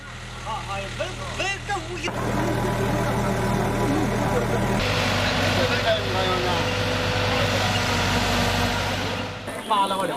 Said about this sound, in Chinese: 5月5日9点钟，在警车的护送下，载着棺木的卡车驶出了大坟岗。